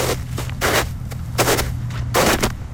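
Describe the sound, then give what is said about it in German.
Footsteps crunch through snow at a steady walking pace, about four crisp, gritty steps over a low, constant hum, with no voices. “So tönt es, wenn man durch den Schnee läuft.”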